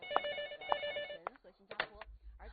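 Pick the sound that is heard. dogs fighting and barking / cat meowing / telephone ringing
telephone ringing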